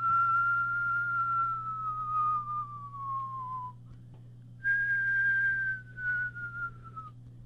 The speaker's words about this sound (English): So the wooden boy crawled out and sang to the old man, "I'm your son, and when the north wind blow, I will whistle." So he whistled.